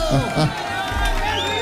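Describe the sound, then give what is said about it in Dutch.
A live concert crowd at a Radio NL Zomertour stage show cheers and roars in a dense, steady wash of noise, with voices loudly singing along and a couple of shouts rising above the din. “En als je dan uit volle borst wordt toegejuicht door het publiek en ze zingen ze allemaal luidkeels mee, dan ga je zo meteen met een hele grote glimlach terug naar Den Bosch.”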